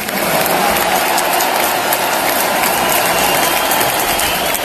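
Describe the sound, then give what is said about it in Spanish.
A large opera audience at the Teatro Real in Madrid, standing after the last performance of Il trovatore, gives the Canarian tenor Celso Albero a loud, sustained ovation, thousands of hands clapping into a dense, steady roar that never lets up, with no voices standing out. “Ovación para el tenor canario Celso Albero.”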